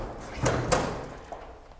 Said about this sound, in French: prend le cadavre, ouvre la porte, le jette dans la chambre et referme la porte. La porte s'ouvre, tête de jolie femme.